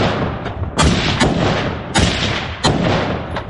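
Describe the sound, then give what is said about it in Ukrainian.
Sharp, loud gunshots crack out in an irregular burst, several shots spaced unevenly over a few seconds above a constant rumbling background, with no voices: Ukrainian fighters of the Khyzhak patrol police brigade shooting at an enemy 'waiting' drone lying on the roadside. “На цих кадрах українські бійці розстрілюють ждуна.”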